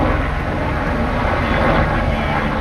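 A helicopter's engine and rotors roar loudly and steadily as it drops a bucket of water over wildfire flames in Fontainebleau Forest, about 60 kilometers from Paris, France, a dense continuous drone with a low pulsing undertone and no voices.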